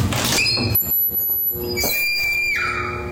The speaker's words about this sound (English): No, this is the door entryway into the bathroom. And this one actually sounds like a horror movie scream. Like a woman screaming.